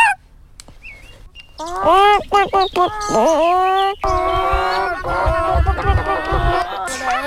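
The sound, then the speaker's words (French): A 10-year-old child imitates a hen, giving a run of short, squawky clucks that build into a louder, rapid cackling stretch. “j'ai 10 ans et je vais faire le cri de la poule.”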